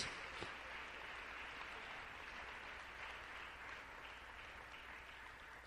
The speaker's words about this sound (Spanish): Démosle un fuerte aplauso al Señor en este día. Oh, gloria a Dios.